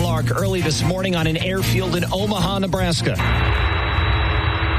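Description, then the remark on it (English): A voice talks for a few seconds, then a loud, steady jet roar takes over as an airplane carrying 17 Americans from a ship hit by a hantavirus cluster touches down on the runway of an airfield in Omaha early in the morning. “Touchdown of the plane carrying 17 Americans from the ship in the middle of a hantavirus cluster, and one of them testing positive.”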